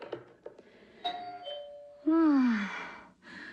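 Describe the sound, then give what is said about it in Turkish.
A doorbell chimes two tones, a higher ding followed by a lower, louder dong that rings out and fades, with faint room noise and brief soft sounds beforehand. “Bu defa kapı zili hangi hanımın güllerini getirdi acaba?”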